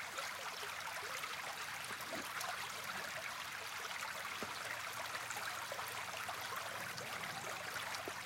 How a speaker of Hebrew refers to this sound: וזהו, והעוגן שיש לנו היום, הכנתי לכם צליל מדהים, אשים לכם אותו צליל של מים, שאני מאוד מבסוט עליו. אתם כבר יכולים לשמוע אותו באוזניות.